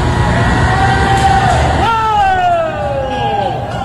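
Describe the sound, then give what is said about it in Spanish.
Employees shout in long, high, drawn-out calls whose pitch slides downward, one rising sharply near the middle, over a loud, steady rumble and crowd babble, as a machine with a rotating piece on top is switched on. “Y escuchen ahora los gritos de los empleados.”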